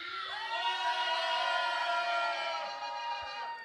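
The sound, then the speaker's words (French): A concert crowd, asked by the performer to shout for a radio broadcast, roars back at full volume, a dense wall of cheering, whooping and shouting voices that holds steady for several seconds before easing slightly at the end. “Vous allez gueuler tellement fort qu'ils vont éteindre la radio.”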